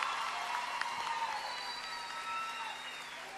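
A crowd applauds steadily, a dense wash of many hands clapping at an even, moderate loudness, with a few faint whistles or cheers rising above it.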